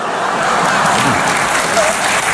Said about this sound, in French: Merci et applaudissements pour ma meilleure amie, Anne Roumanoff.